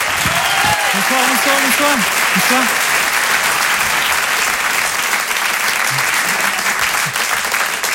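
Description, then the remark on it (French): A crowd applauds loudly and steadily for the full eight seconds as a performer is introduced for his show. A thick wash of clapping, with a voice briefly audible beneath it at the start. “Je vous laisse découvrir son travail, je vous demande un tonnerre d'applaudissements également”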